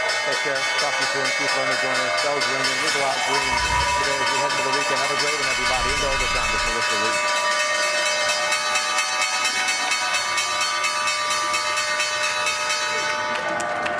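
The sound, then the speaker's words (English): The closing bell at the New York Stock Exchange, rung by Northstar Earth and Space Enterprises to end the trading day, rings loud and steady without pause, a bright metallic clang over a wash of crowd noise and voices, with a couple of dull thumps early on. “The bells ring an end to the trading day at the NYSE Northstar Earth and Space Enterprises ringing the closing bell, and at the Nasdaq, Kelly Services closing out the trading week.”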